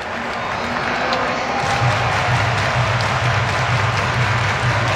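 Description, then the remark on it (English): A large crowd at Rogers Center roars and cheers steadily during a Blue Jays baseball game with the bases loaded, as a wave goes around the WestJet flight deck towards right field; a dense sustained wash of voices with scattered claps, holding loud throughout with a low rumbling undertone. “Wave going around at Rogers Center in the WestJet flight deck, moving towards right field. This crowd ready to explode again.”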